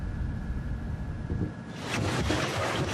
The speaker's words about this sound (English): Today, the captain of the Thetis guides us past Hungary's parliament along a river he knows better than most.